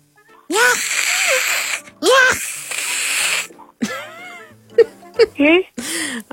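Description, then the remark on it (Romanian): A voice imitates a cat frightened by a tiger with a series of strained, wavering yowls and hisses, rising and falling in pitch, ending in short sharp cries. “Vă ca o pisică care se speie de un tigru.”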